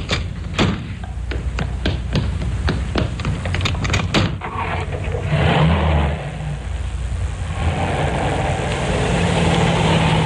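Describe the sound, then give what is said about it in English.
A car engine idles with a steady low rumble while the driver and passenger swap seats, a quick run of sharp clicks and knocks over the first few seconds before the engine swells slightly and settles. “But I'd be happier if you let me take over. Yes, perhaps it would be a good idea. Thanks. Oh, don't bother to get out. I'll get out my side.”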